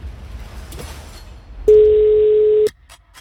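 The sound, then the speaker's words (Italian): A single steady telephone ringback tone, a flat mid-pitched beep lasting about a second, sounds loudly over low background hiss, then cuts off abruptly. No one speaks. “Ha fatto due squilli.”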